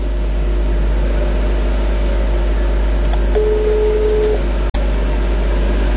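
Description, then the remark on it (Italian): A single steady telephone tone lasting about a second, bracketed by a few sharp clicks, over a constant low electrical hum, as a telephone call is placed and goes unanswered. No one speaks. “Il telefono funziona. Pierluigi non risponde”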